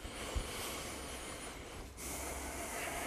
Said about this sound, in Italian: Poi recupero un po', sempre per ascoltare come va la frequenza respiratoria.